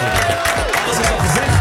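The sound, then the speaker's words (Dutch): An audience claps and cheers for a performer in a loud, dense burst of applause that stays steady throughout, with a few voices mixed into the noise of the crowd. “We gaan je gewoon nog een applaus geven.”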